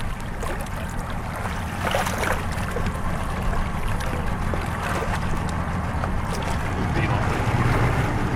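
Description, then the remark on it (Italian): The engine of the rescue operators' inflatable boat rumbles steadily over splashing water and gusty wind noise, growing slightly louder toward the end as the boat approaches to recover an injured person from the water. “Ok, a questo punto l'imbarcazione degli operatori si avvicinerà.”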